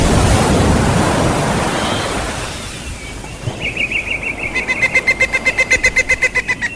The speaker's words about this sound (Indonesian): laut yang menderu memukul-mukul ke pantai.